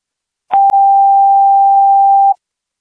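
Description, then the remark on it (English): A single steady electronic fire dispatch test tone for Troy Fire Station 11, held for about two seconds at an even pitch, loud and clean, beginning with a brief click and ending abruptly. “Sort trench trailer, fire, test tones, Troy Fire Station 11 PRFB 11, 110 East Canal Street, cross street of South Walnut Street and South Mulberry Street, 1246.”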